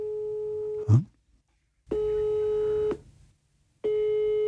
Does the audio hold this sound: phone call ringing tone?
yes